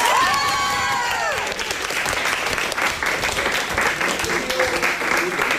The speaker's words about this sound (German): Sehr schön. Jubel zu Recht. Also herzlichen Glückwunsch an die 9a vom St. Christophorus Gymnasium in Werne. Das letzte Finalticket geht an euch